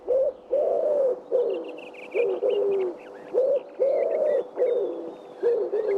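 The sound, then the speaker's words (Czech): A pigeon coos over and over in soft, rounded, low phrases with a steady rhythm, while small birds chirp and twitter faintly in the background. “Zavrká a víme. Tak to pojďte říct všichni najednou. Je to 3, 2, 1, holub.”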